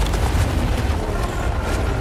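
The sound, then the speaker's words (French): A mountain snow cornice collapsing: a loud, continuous roaring rumble with a heavy low-end thunder, holding steady for two seconds with no voices. “La corniche sur laquelle on était il y a 40 minutes s'effondre.”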